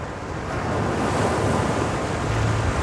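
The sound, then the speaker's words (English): Steady sea waves wash and roar continuously in a film scene as a little boy looks out at the sea, a broad surf noise with a gusty, wind-like rumble underneath, fairly loud, with no voices. “So we're watching little boy looking out at the sea, and then sound drops away.”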